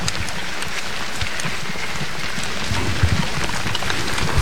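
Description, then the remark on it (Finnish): Steady rain patters down at a control point of an orienteering race in a dense, crackling hiss of countless drops, with low rumbling underneath, growing slightly heavier toward the end. No one speaks. “Ja sadekin alkoi tässä vielä kiihtyä.”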